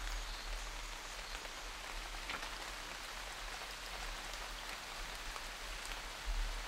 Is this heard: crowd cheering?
no